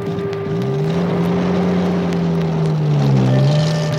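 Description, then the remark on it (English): A Jeep engine of the Indian Army hums loudly and steadily, driven by a soldier for an officer, its low droning pitch dipping and rising a little as it drives through the countryside, with a rush of wind noise over it. “Since he was an officer, he had a special car called a Jeep and a soldier to drive it for him.”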